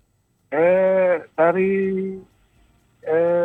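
A goat bleats loudly, three wavering, nasal cries in a row, the last one cut off at the end, with no other sounds around them.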